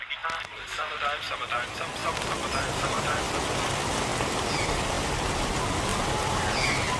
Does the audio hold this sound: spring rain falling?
yes